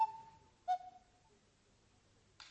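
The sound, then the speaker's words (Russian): Two hooting cuckoo-clock notes, the second lower and longer, sound clearly, followed by a brief soft rustle near the end. “А вот так сказали часы и притворились, будто это сделала маленькая синяя кукушка.”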